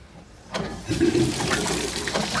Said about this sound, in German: Fließend Wasser.